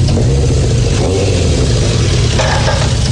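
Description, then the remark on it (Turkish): A motorbike engine runs loudly and steadily, its low throbbing rumble rising slightly as it revs, with no voices over it. “Bu motoru nereden buldun”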